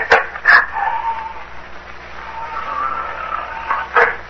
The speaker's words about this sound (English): What was that? The door. The wind blew it open and shut again. Locks are all worn out.